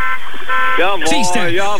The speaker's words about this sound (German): Ja, wenn ihr FFH hört, hupt jetzt. Jetzt hupt ihr überall.